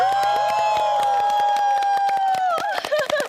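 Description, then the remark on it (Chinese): A live audience cheers loudly to vote for its favorite performers by the volume of its cheering, a sustained, rising vocal roar mixed with steady rapid clapping throughout; the cheer wavers and breaks up toward the end. “你没欧，现场观众都欧了啊，这个责任得你来扛啊。”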